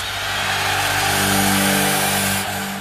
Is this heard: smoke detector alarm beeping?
no